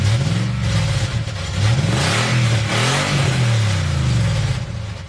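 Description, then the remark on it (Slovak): A taxi's engine revs up and down several times in a row, its pitch rising and falling in loud swells over a steady low rumble, with no one speaking. “stále nič nehovoril, len zabručal motorom, ako by ho chcel povzbudiť.”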